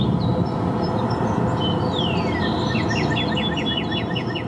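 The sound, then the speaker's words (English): A cardinal recorded in Massachusetts sings outdoors: a long downslurred whistle followed by a quick series of repeated chirping notes, clear over a steady rushing background noise. “Actually, here's one from Massachusetts.”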